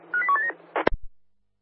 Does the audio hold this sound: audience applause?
no